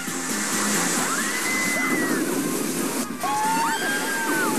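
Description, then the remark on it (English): A boat on the Crush 'n' Gusher water roller coaster at Disney's Typhoon Lagoon water park splashes down into a pool, with a loud, steady rush and slosh of churning water and a few high, sliding shrieks or whoops over it. “We have splashdown.”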